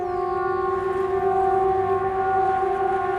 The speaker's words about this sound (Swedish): Det var ju vid ett tillfälle i det scenariot så ljuder VMA-signalen, den här vanliga, den som vi brukar höra en gång i kvartalet när den övas. Alltså viktigt meddelande till allmänheten.